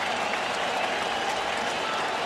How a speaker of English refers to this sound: And this crowd with their rally flags come alive.